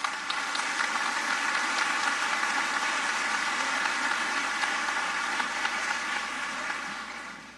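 Sustained audience applause for singers, a National Choir soloist and a Peruvian tenor, a dense steady wash of many hands clapping at an even loudness for several seconds, easing off slightly at the end. No voices are heard.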